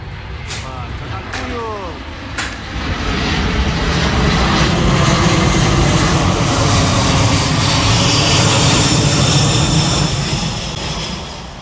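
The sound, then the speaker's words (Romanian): A loud, steady roar of the engines of an American Air Force transport plane on the ground after landing in Moscow, Russia, in the afternoon, building in the first seconds and holding a broad rumbling whine, with faint voices and clicks underneath. “Un avion de transport aparținând forțelor aeriene americane aterizat în Rusia în această după-amiază.”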